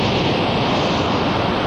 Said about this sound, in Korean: 아, 파도 소리가 정말 시원하게 들리죠?